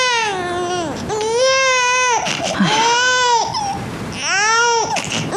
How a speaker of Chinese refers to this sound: 你看宝宝哭得这么厉害，不然我冲点奶粉先试试。